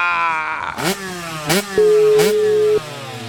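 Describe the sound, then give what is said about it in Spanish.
The engine of a small new GN 160 motorcycle revs hard, its pitch climbing in three quick surges with sharp shifts between them, then holding a steady high whine before dropping. No voices. “No, una, no, es una moto GN nueva, 160.”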